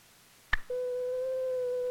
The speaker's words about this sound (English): This pure tone gives us the classic sine wave.